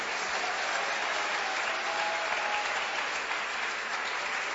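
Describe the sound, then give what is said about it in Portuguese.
A church audience claps hands for Jesus in a dense, continuous wash of applause, steady and even throughout with no clear individual beats, moderately loud with no voices standing out. “Mas essas palmas estão muito fraquinhas, vocês não estão acreditando?”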